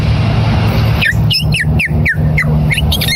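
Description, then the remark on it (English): A person imitates a purple martin with a rapid run of high, liquid chirps and warbles lasting about two seconds, set against a steady low engine-like rumble. “Next, the purple martin.”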